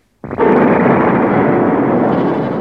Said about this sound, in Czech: V tu chvíli otřásl hradem mohutný výbuch. Hrad se otřásl v základech a hlavní věž se zřítila.